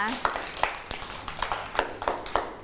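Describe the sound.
Children clap their hands for a classmate who presented finger-print painting artwork, a loose, uneven burst of about a dozen sharp slaps over a couple of seconds, with faint voices murmuring underneath.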